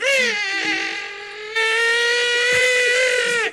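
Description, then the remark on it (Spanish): A parrot, released after its hood was taken off and flying, lets out one long, shrill call, a piercing harmonic cry held for over three seconds that wavers slightly in pitch, jumps louder midway, then cuts off abruptly. “¡Oh, es el loro!”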